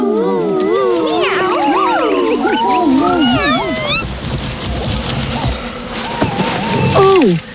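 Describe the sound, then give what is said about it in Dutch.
Several voices imitate cats to give someone a fright, overlapping in wavering, sliding meows and drawn-out yowls, loud, with a brief clatter near the end and a final rising wail. “Kom jongens, dan gaan we tante in de wijze varen laten schrikken. Miauw!”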